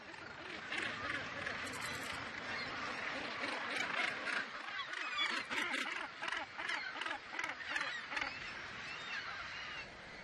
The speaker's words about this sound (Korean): 서로 가까이 둥지를 튼 북극 갈매기들은 먹이와 영역을 두고 이웃들과 다툽니다.